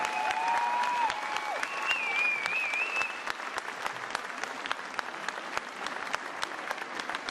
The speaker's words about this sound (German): Vielleicht verjagen wir die Wichte mit einem großen Applaus für die Tänzerinnen von der SG Sperber.